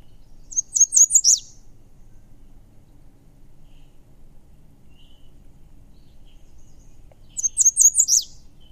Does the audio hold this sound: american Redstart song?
yes